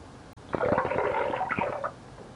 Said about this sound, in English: That was real pee. That was real pee. The real McCoy pee.